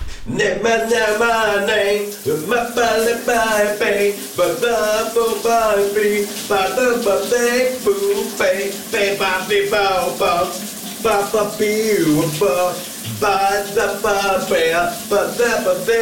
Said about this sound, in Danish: giver os lidt skønsang, når han, når han går i bad